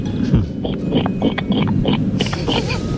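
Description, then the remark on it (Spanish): A person imitates a pig with a run of rough, snorting oinks and grunts, fairly loud, repeated in quick irregular bursts over a low rumbling background. “Bueno, pues yo sé imitar a la gallina y al cerdo.”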